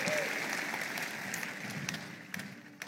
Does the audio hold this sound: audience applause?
yes